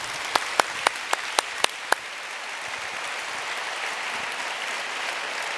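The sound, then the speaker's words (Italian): A few sharp, evenly spaced claps ring out first, then dissolve into a steady, even wash of audience applause that carries on at moderate loudness with no voices. “Sì, ci sta un applauso.”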